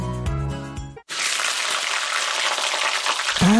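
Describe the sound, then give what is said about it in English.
A brief musical jingle cuts off, then New Zealand steak sizzles loudly in a frying pan, a steady crackling hiss that continues for a couple of seconds. “That's delicious New Zealand steak sizzling in the pan.”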